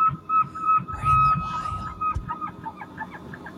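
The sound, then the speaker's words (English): A single long, high-pitched elk bugle whistles steadily for about two seconds, then trails off into softer squeaky grunts and low rumbling background noise. “No, it's an elk.”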